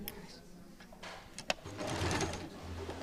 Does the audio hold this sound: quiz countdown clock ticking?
no